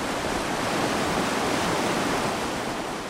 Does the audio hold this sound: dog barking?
no